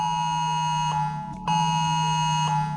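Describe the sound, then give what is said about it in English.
A harsh, continuous electronic emergency alert tone, the Australian Oz Alert sound, blares steadily for about three seconds, loud, with a buzzing, layered pitch and a brief dip partway through. “This is 3 seconds of what the Oz Alert sound is going to be next Monday.”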